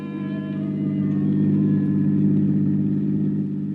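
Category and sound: vehicle, car driving off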